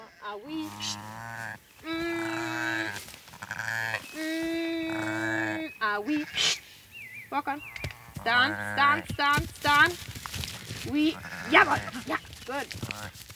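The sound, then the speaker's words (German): A young sheep bleats several times, loud wavering cries with short pauses between them, followed by people talking with more bleating mixed in. “Das junge Schaf ist reizbar.”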